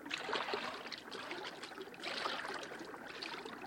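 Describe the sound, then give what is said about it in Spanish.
Someone wades into a river toward something floating among the reeds, the steady rush and slosh of moving water surging twice as steps push through it, with no voices. “Bueno, métete en el agua y averigua lo que es.”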